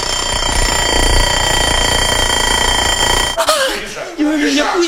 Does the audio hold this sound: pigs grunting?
no